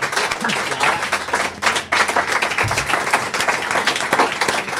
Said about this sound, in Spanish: Un aplauso para eles, por favor. Gracias.